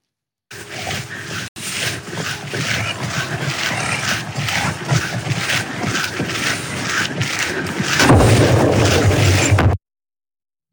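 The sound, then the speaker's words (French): Loud, continuous crackling bursts from electrical explosions on high-voltage power lines near Cologne, Germany, caused by sabotage, rough and roaring, growing more intense near the end before cutting off abruptly. No one speaks. “Regardez bien au loin les éclairs, écoutez bien les explosions, on est juste à côté de Cologne, toujours en Allemagne, c'était hier.”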